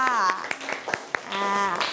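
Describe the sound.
A handful of sharp, scattered hand claps ring out at an uneven pace as a class applauds group 5, with voices speaking before and after them.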